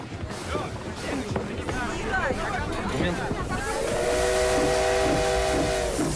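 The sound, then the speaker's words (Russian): A crowd boarding a train murmurs and calls out, then a steam locomotive's whistle sounds a long, steady multi-toned blast over a broad hiss of escaping steam as the train departs, loud. “Паровоз окутывается дымом, поезд отъезжает.”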